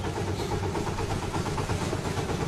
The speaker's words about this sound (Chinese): 一路上卡车的声音都在树林中回荡，这种声音不仅没有吓跑麋鹿，反而吸引着它们向围栏中央的空地中聚集。